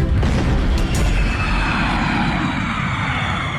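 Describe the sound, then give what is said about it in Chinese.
A loud, sustained wartime battle rumble, deep and roaring throughout, with a couple of sharp artillery-like bursts near the start and no voices, marking the gunfire of China's War of Resistance against Japan breaking out in Shanghai in 1937. “此后艾黎一直坚持为地下党做工作，提供掩护，直到抗战的枪声在上海打响。”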